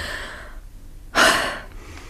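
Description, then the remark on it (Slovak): A single deep breath swells up loudly after a quiet, airy stretch, then eases off; a relieved-sounding inhale and exhale with no talking. “opäť sa mi ľahko dýcha.”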